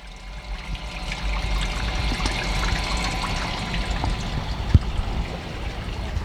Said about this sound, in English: And the creek has always been an influence on me in various ways, ecologically, the flow of water,